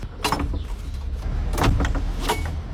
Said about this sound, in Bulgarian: Тук времето на една от иначе най-оживените улици в Шумен сякаш е спряло. Проскръцва вратата и историята те връхлита веднага.